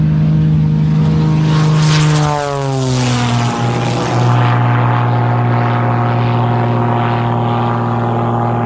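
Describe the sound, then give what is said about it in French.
A propeller airplane engine drones loudly in cruise flight as pilot Jean-Pierre Otelli pulls hard on the stick to stall the plane and then recovers; its pitch slides down abruptly early on as power changes, then holds a steady lower hum to the end, with no voices. “Jean-Pierre Otelli va donc tirer sur le manche pour faire décrocher son avion et ensuite rattraper ce décrochage.”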